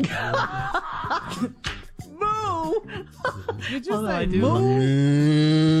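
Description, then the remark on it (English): A man's voice imitates a cow, with a couple of short wavering lows and then a long, loud, drawn-out moo, mixed with some chuckling at the start. “Did you say moo?”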